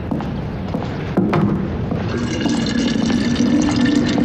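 Water pours steadily into a vessel as water is being boiled, with a continuous rushing hiss, and a low hollow tone gradually rises in pitch as it fills. No one speaks.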